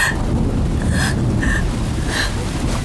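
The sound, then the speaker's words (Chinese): Loud, continuous low rumbling of thunder over a palace hall fills the whole stretch, with a rain-like wash over it and a few short, sharp gasping breaths near the front. Nobody speaks. “小主从小就怕雷声，尤其是这殿上的雷。”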